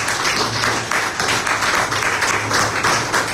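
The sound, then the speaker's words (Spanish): An audience breaks into sustained applause for the word of the Lord after a Gospel reading, dense overlapping claps forming a steady, loud wash of sound that continues evenly throughout with no voices rising above it. “Un fuerte aplauso a la palabra del Señor.”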